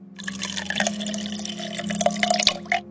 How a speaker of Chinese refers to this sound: 波罗又倒了一杯酒给他。